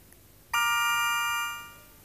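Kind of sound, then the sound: signal or alarm, telephone ringing tone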